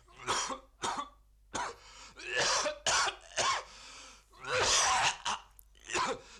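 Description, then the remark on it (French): A man coughs repeatedly in harsh, wet bursts, with throat-clearing rasps and strained breaths between the fits, about a dozen coughs over several seconds, from Christian Boltanski's work L'homme qui tousse. “L'homme qui tousse.”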